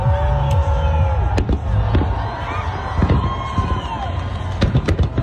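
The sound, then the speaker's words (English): Fourth of July fireworks in New York pop and bang at irregular intervals over the steady roar of a large outdoor crowd, with scattered voices and cheers blending into the dense background noise. “the Macy's 4th of July fireworks show went off without a hitch”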